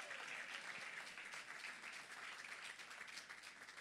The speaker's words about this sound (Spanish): Demos gloria a Dios, gloria a Dios, gloria al Señor para siempre. Dele palmas de alabanza a Cristo.